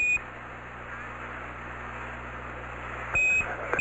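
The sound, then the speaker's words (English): A high, thin spacecraft alarm beep sounds briefly at the start and again near the end, over a steady hum and hiss of radio static; the alarm comes up when a 1668 is up, at an altitude of about 27,000 feet. “Same alarm, and it appears to come up when we have a 1668 up.”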